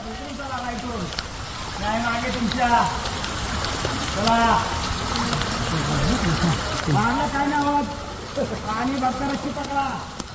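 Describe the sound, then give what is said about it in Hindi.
Heavy rain pours down in Maharashtra, India, in a steady, dense hiss, with several people talking loudly over the downpour throughout. “भारी बारिश के बीच में महाराष्ट्र के लोनावला में भी लैंडस्लाइड हुआ है, और इसके चलते राजमाची किले की ओर जाने वाला रास्ता बंद हो गया है।”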